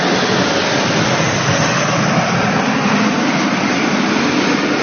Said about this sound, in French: Ils étaient au défilé, les Alpha Jets de la patrouille. Ils sont bleu, blanc, rouge, ces Alpha Jets. Et Emmanuel Macron, on les entend, on les voit arriver. Ils arrivent au-dessus de nos têtes. Vous devez les entendre.